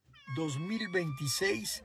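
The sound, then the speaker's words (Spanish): A cat meows in a long, drawn-out, wavering call, fairly loud, its pitch rising and dipping through several syllables, with a faint steady tone humming in the background. “Es lo que dice el gato culto de Efrén.”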